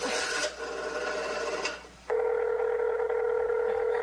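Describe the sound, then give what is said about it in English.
A couple of seconds of rasping, scraping telephone handling noise as someone picks up the phone to call the police, then a steady, loud telephone dial tone hums on without a break. No one speaks. “Well, all right, I'll call the police.”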